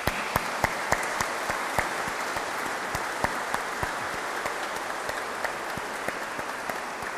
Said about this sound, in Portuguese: Caros irmãos, quero muito agradecer ao nosso coro, o coro da Sé, o coro do Jubileu, por nos ajudar a elevar a nossa alma até ao céu pelas belíssimas músicas que nos apresenta. Para eles, para todos, uma grande salva de palmas.